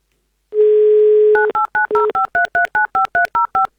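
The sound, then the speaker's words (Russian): A steady dial tone, then Avtoradio dialing a contest listener's telephone number in the Volgograd region: about eleven quick two-pitched keypad beeps in an even rhythm, loud and clear, with no voices. “Ну что, давайте будем звонить.”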